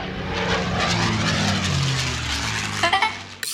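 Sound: airplane taking off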